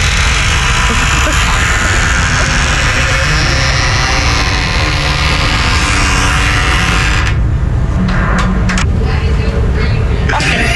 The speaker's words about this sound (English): I would like to nominate it for the loudest door in Calgary.